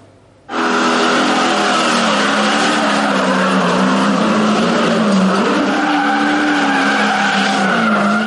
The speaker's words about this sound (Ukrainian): Та попри це, гума на спортивних авто димить, мотори ревуть, а гальма ледь справляються з перенавантаженнями.